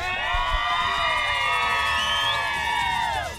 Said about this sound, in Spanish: Para que la gente que nos esté escuchando y se dé cuenta, el director que está en la emisora, ¿ustedes me pueden regalar una bulla bien fuerte en esta noche?